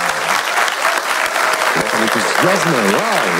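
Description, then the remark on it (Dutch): A live audience at IMEC in Leuven applauds for a Radio 1 broadcast in a steady, loud burst of clapping, with a cheering voice rising and falling over the applause toward the end. “Wij zitten niet in de studio in Brussel, maar wij zitten wel bij IMEC in Leuven met een live publiek. Dat mag zich even laten horen.”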